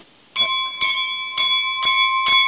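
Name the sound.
small bell ringing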